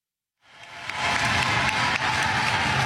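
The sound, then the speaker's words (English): A large indoor crowd at a University of Illinois volleyball match, during the fourth set of a conference opener, erupts after a brief silence, swelling into loud, sustained cheering and applause that holds steady with a dense, roaring wash of voices and clapping. “Crowd coming alive.”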